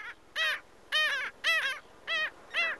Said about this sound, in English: This is WSHU's Bird Song Break. Calling our region's sandy beaches home for the summer, it's the black skimmer.